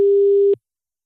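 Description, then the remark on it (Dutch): A single steady telephone tone, a clear pure beep lasting about half a second, heard alone before cutting off into silence, like the ringing tone of an outgoing call. “En dan kan het zomaar zijn dat je telefoon nu overgaat.”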